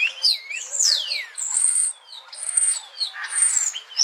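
A starling pours out a nonstop jumble of calls and mimicry: clear whistles, a long falling slur, chirps and buzzy rattles, fairly loud with no voices.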